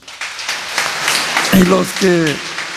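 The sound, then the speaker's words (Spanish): An audience applauds to congratulate a person who raised their hand, a steady patter and dense crackle of many hands clapping, with a brief voiced cheer or call rising over it partway through. “Levanten la mano. 73. Un aplauso, felicidades.”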